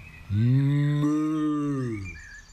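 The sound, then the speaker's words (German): A sheep with shiny fleece gives one long, drawn-out, loud bleat, holding steady for about two seconds before trailing off, with no other sounds around it. “Vielleicht können wir das Schaf da vorne fragen.”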